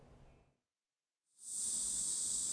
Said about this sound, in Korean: 말벌 보호복을 입은 소방관들이 수풀에 살충제를 뿌립니다. 곧이어 조심스레 꺼내는 건 말벌집. 혹여 벌집 안에 말벌이 더 있을까 연신 살충제를 뿌립니다.